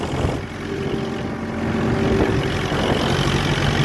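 A tractor engine drones steadily and loudly throughout as a farmer ploughs wet ground on a farm, a deep rumbling hum with a constant low throb, with no voices.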